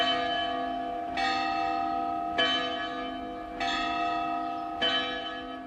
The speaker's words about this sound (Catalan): De què parlam? I de les campanes, que són tot un patrimoni que hem de conservar